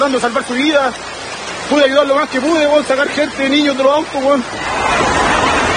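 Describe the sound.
A rushing torrent of mud floods into a supermarket in Santiago after heavy rainfall, filmed by a security camera, roaring steadily beneath a voice speaking, then continuing alone as a dense, loud, hissing surge once the talking stops.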